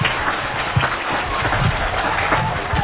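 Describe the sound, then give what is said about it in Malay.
An audience claps steadily for about three seconds for the kindergarten group from TKM NU 12 Bedanten, a dense, even patter of many hands with no voices standing out above it. “Pak, beri tepuk tangan yang paling meriah.”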